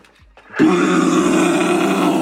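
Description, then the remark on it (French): A person imitates a red deer's rutting bellow: after a brief quiet breath, a loud, sustained, low roaring groan starts abruptly and holds steady with a rough, buzzing texture. “il m'a appris à faire le Brame du Cerf, et maintenant, je suis capable de le faire même dans une feuille.”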